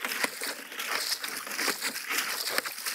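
Laundry being washed by hand with a plunger (a washing bell) that presses water through the laundry as a prewash: a steady, hissy wash of sloshing and squelching water broken by sharper splashy bursts, with no talking over it.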